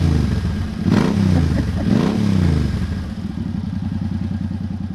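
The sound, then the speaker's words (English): Motorbikes racing on the dusty desert tracks of the Gascoyne Dash, an annual motorsport event around Carnarvon, Western Australia: loud engines revving and whining in two sharp rising-and-falling sweeps as bikes pass, then a steady rough engine drone with rattling clatter underneath. “an annual motorsport showdown with cars and bikes going head-to-head”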